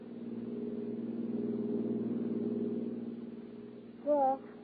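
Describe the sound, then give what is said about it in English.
A steady car engine hum drones at an even pace as a car cruises out of the city along a lonely skyline drive high over the sea as it gets dark, its low tone swelling slightly mid-way, then a short voiced sound near the end. “toss your luggage into the back of her car, swing out of the city and wind your way along the lonely skyline drive high over the sea.”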